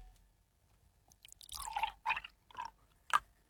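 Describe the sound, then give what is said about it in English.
Liquid, either milk or water, spills out of a bottle in a few short, irregular splashing glugs and drips, fairly quiet, after a brief silent start. Nobody speaks. “He has in front of him both a bottle of milk and a bottle of water, and he is about to spill the milk or water.”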